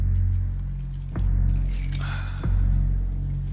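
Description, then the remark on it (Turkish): A brief jangle of pickup truck keys clinks as they are handed over, framed by two soft thumps, all over a steady low engine-like rumble with no one speaking. “Kamyonetinin anahtarlarını bana ver.”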